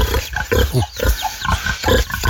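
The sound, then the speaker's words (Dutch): Pigs grunt and snuffle in a busy, overlapping chorus as they are fed, short rough bursts tumbling over one another as they eat, with a steady background clatter throughout. “Onze varkens die eten krijgen.”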